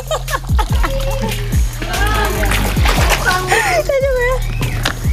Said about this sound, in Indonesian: Jadi kan bekas pengupasan masih ada tanah. Ini sambil dialiri air. Goyang ke kiri, goyang ke kanan terus.